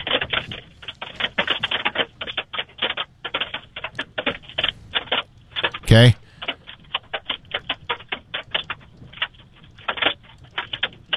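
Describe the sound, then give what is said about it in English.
Hail from a severe hailstorm pelts the station building in a dense, irregular patter of sharp clicking taps that never lets up, with one louder crackling burst midway and a voice speaking briefly over it. “I can hear it here at the station. I'm not sure the size of it.”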